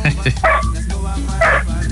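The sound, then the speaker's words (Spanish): A dog named Frijol barks loudly and repeatedly, sharp bursts in quick succession, with a person's voice mixed in between the barks. “Oiga, nada más, qué perro tan bravo, Dios mío.”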